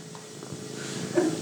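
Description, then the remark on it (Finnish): A cat purrs softly and steadily, a low continuous rumble, with faint rustling as it is stroked and no voices. “Nyt siellä kuristaa ja kehrätään.”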